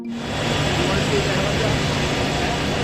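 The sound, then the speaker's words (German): A helicopter engine runs steadily, a loud continuous rumble with a high whine on top, holding unchanged for the whole few seconds, as Trump shows Xi his helicopter. “Trump zeigt Xi seinen Helikopter, weicht abermals vom Protokoll ab”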